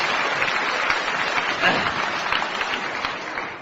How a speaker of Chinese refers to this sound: 来吧，掌声这么热烈，你肯定唱的错不了。